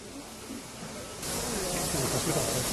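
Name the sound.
steam locomotive hissing steam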